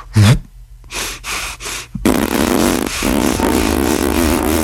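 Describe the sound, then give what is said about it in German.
A buzzy, flapping burst of air forced out through puffed cheeks like a fart while the performer keeps breathing, a mouth technique likened to a small bagpipe, followed by breathy puffs and a long, noisy rasping stretch as air keeps being pushed out. No talking. “Und dann drücke ich die Luft mit so einem Pupston aus den Wangen raus, während ich weiteratme.”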